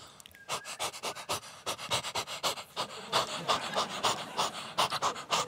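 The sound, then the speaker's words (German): A person imitates a female dog panting, the way she responded when whistled for, with quick, breathy huffs in a steady rhythm for several seconds, fairly loud, with no other talking. “Und meine Hündin immer so.”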